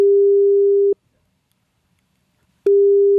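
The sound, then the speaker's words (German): A telephone ringback tone on an outgoing call to a training centre in Gendorf: a steady, clear electronic hum sounds for about a second, falls silent, then starts again. No voices are heard. “Das hat er gemacht. Er hat angerufen.”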